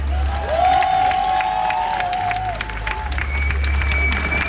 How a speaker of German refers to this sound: Jetzt bitte um Applaus.